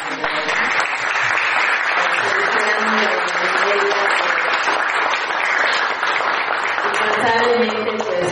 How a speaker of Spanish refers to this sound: Entonces, pues un aplauso para mis papás.